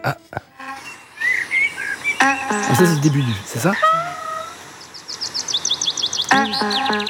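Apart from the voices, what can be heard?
birds chirping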